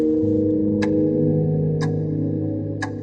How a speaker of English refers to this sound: The clock ticks again, mocking me.